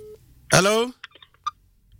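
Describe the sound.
A short burst of a voice, then a few quick electronic beeps from a phone keypad, each a brief tone spaced irregularly, moderately loud against a quiet background.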